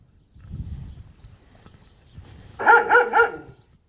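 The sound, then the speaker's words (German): Dogs bark three times in quick succession, loud, after a stretch of low, muffled rumbling and shuffling noise. No one speaks. “Ja, wachsame Hunde.”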